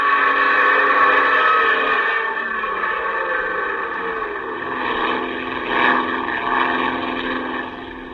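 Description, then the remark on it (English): A propeller airplane engine roars steadily at full power with the throttle pulled open, loud, with a dense droning hum that swells slightly midway and holds without any voices. “The plane twists wildly. You pull open the throttle.”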